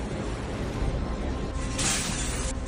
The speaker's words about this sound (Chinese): 紧接着，玻璃开始破碎，现场一片混乱逃生。